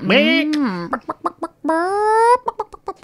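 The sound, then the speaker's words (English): A voice imitates a chicken in a radio studio: two drawn-out squawking calls, each followed by a quick run of short, rhythmic clucks, loud and alone with no talking. “I believe that the 3CR chicken isn't the only chicken in the studio currently.”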